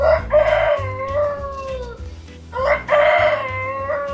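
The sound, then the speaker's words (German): Fridolin, a tame rooster bred by Reinhold Henrich in Käfenroth in the Wetteraukreis, crows loudly, two full drawn-out cock-a-doodle-doos with a short pause between them, over a low steady hum in the background. “Sie haben es gehört, ein ordentliches Kikeriki. Das ist Hahn Fridolin.”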